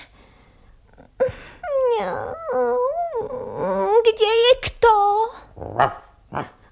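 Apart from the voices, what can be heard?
dog whimpering and barking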